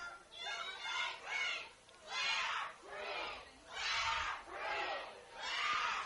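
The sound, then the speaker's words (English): A large crowd at a football game cheers and yells for Clear Creek in loud, rhythmic swells, rising and falling about once a second like a chant, with no other voices or sounds standing out. “Big cheer.”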